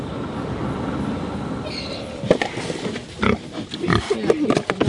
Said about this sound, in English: a happy pig getting scraps at Te Kura Kaupapa Māori o Te Rito, a Māori immersion school in Otaki.